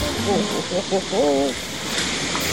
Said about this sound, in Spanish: Lo que usted escucha es el sonido de un puente. El agua que pasa por el puente.